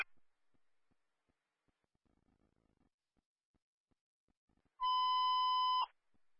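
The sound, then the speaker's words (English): A single loud, steady electronic dispatch paging tone holds for about a second near the end, a harsh pager-style alert after faint clicks and near-silence, with no talking, paging for a CO detector alarm at an Airbnb in Traverse City. “Central paging for a CO detector alarm or Traverse City, 962 Walnut Street, crossing Michigan Avenue and Prospect Street.”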